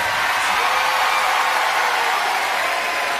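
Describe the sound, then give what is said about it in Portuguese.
Audience applause for a woman, heard on a Rádio Clube Santa Marta broadcast: a dense, steady wash of clapping that holds at an even, fairly loud level for about three seconds, with no voices over it. “Um forte aplauso para ela.”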